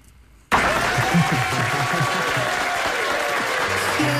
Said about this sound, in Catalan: Aquí el David Valverde, el tècnic de so, ha dit, he de llançar uns aplaudiments. Bravo, eh?